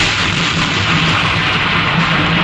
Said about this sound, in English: The sound of thunder.